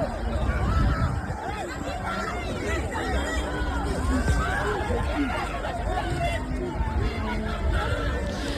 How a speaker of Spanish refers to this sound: Y las calles, bueno, las calles siguen sonando con explosiones que son las que maneja la policía para tratar de disolver estas manifestaciones. Son en general fuegos artificiales, no son balas, pero así es como se escucha la calle allí en Francia.